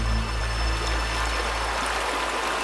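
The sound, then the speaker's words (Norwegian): A river winding slowly through the flat Beaver Creek area flows steadily and continuously, a full rushing wash with no pauses and no voices. “Det går en elv igjennom, bukter seg sånn langsomt igjennom området.”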